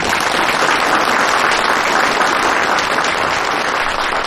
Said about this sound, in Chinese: 那接下来让我们一起掌声欢迎他们。